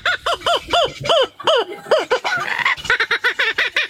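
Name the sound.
laughing kookaburra call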